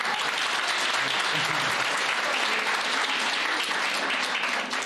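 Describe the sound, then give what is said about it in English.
Sustained applause from an audience, a dense, steady wash of many hands clapping at an even loudness for the full stretch, with no single voice standing out. “Maybe we can give her a big round of applause again.”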